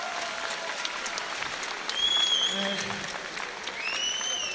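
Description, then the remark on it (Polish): A large crowd at a fight event claps continuously and loudly for several seconds, the dense applause swelling midway, with a few sharp whistles cutting through and faint voices underneath. “Także wielkie brawa”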